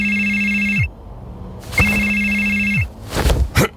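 A telephone rings twice, loud, each electronic trill lasting about a second with a pause between, followed by a brief clatter as the ringing stops.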